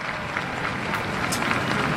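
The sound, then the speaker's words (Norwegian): A crowd applauding steadily, a dense wash of clapping that stays at an even, fairly loud level throughout with no pauses, as the Norwegian king and queen come out onto the palace balcony (Slottsbalkongen) and wave, greeted by a cheering crowd waving Norwegian flags. “Det kan vi høre på applausen nå.”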